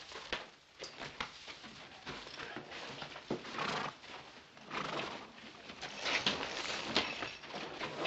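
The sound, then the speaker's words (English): A horse whinnies while hooves clop in an uneven rhythm, with bursts of shuffling and snorting rising in loudness toward the end. “I'll take care of your horse.”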